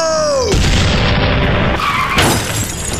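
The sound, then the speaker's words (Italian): A falling whistle gives way to a loud blast with crashing debris, then a second heavy boom follows about two seconds later, like cannon fire from a ship bombarding a pirate. “Iniziano a bombardarlo e finisce sbalzato fuori dalla macchina finendo a nuotare sull'asfalto.”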